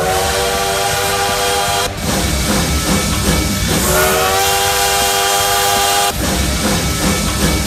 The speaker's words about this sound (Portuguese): Vamos que vamos, que o trem bala tá aqui já aquecendo os motores.